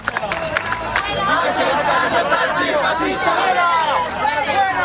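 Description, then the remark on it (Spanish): A crowd of protesters at a demonstration shouts outside, yelling 'fascistas', a dense, overlapping mass of raised voices and chanting that swells after the first second and stays loud and continuous throughout. “Escuchan gritos de fuera, gritos de fascistas”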